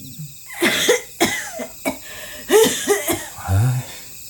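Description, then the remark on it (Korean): A person coughs repeatedly inside a room, a run of six or so harsh, throaty bursts in irregular rhythm, with short raspy catches of breath between them and no speech. “방 안에서 기침 소리가 들리자”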